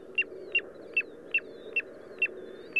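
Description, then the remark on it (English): A piping plover, a small beach bird, calls in a steady series of seven short, clear whistled peeps, evenly spaced about half a second apart, over a constant low rushing background like surf or wind. “This week, the tiny but mighty piping plover.”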